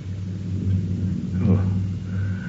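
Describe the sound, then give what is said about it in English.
A deep, steady storm rumble rolls through the whole stretch, swelling into a louder, rougher surge around the middle before settling back to a low, droning growl. “Ah, very storms. They are nothing.”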